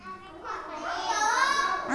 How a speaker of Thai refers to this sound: ได้ยินเสียงเด็กนักเรียนปลายทางนะคะบอกว่าทำของเล่นทำยารักษาโรคแล้วก็นำไปประกอบอาหารก็ได้